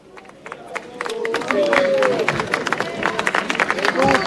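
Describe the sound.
A crowd claps steadily as Pope Leo arrives at the venue, the dense patter building after the first second into sustained applause, with murmuring voices and a few raised calls mixed into the noise.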